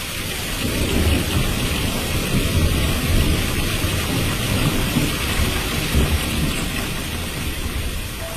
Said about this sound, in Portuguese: E a palavra diz que a chuva continuava caindo.